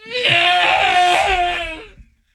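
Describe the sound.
A voice mimics the engine scream of a Star Wars TIE fighter: one loud, raspy, high-pitched wail held steady for about two seconds before cutting off abruptly, with no other talking.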